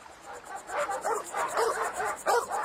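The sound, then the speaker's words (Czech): Dogs barking in a quick, overlapping series of sharp, mid-pitched barks, fairly loud and continuous over a steady hiss, with no talking. “Pej si, no tak, zalezte.”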